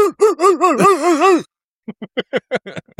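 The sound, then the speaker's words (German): A voice imitates a washing machine's spin cycle: a loud, wavering hum that rises and falls rapidly for over a second, then a pause and a string of short, rhythmic voiced bursts. “Mach mal die Waschmaschine im Schleudergang.”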